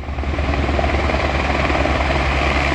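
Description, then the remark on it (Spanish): Helicopters drone steadily as they refuel almost continuously from the basin of the municipal swimming pools of La Calabaza, a loud continuous rotor roar with a low rhythmic chop that fills the whole moment without pause. No one speaks. “El sonido de fondo que escuchamos es el de los helicópteros que repostaban casi continuamente en el vaso de las piscinas municipales de La Calabaza.”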